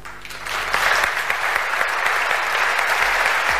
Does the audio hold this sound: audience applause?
yes